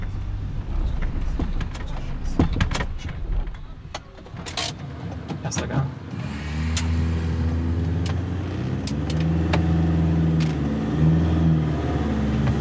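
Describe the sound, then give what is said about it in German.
A few clicks and rattles, then a car engine whines in first gear, a loud, steady droning hum with strained tones that rise and waver as it keeps pulling. “Bleib im ersten Gang, wenn er so jault.”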